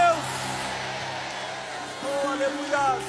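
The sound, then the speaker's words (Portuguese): An audience shouts glory to God together, a dense wash of many overlapping voices, with a few individual cries rising above the crowd toward the end. “Liberem um grito de glória a Deus.”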